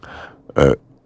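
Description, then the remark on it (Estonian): An elephant's purring rumble: a soft, low grumble followed by one loud, deep, throaty burst with a buzzy, belch-like texture, all over in about a second. “kõlab nii veidralt, et kui sa oled elevantist kas või 2-3 meetri kaugusel, sa ei aja koju, kus kohast elevanti kerest see tamtammi põrin tuleb.”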